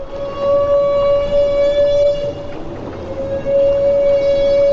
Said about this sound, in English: Humpback whales make this trumpet sound only when feeding, but why they do it has long been a mystery. Now, physicist Orest Diachuk of Johns Hopkins says the sound may help the humpback size up a school of fish.